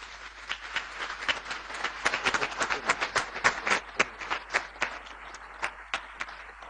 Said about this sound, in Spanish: como así también para todos nosotros presentes el día de hoy en la casa de Tupacinca Acupé, un fuerte y caluroso aplauso para cada uno.